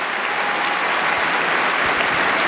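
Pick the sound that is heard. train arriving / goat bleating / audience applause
audience applause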